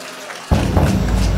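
A sudden burst of audience applause for a live band on the radio show Monte Carlo Nights, live from Perugia, breaks in after a brief quieter moment and continues as a steady, dense wash of clapping, with no voices heard.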